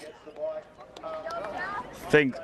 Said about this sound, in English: Let's just get a final few moments of those cheers and celebration before we head to the latest in ABC News at 2 o'clock.